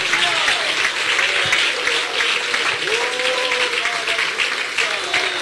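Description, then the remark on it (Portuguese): A church audience applauds Jesus steadily during a service for several seconds, a dense, sustained wash of clapping, with faint voices and cheers mixed beneath it. “Pode aplaudir Jesus, ô glória!”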